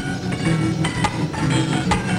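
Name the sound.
chimes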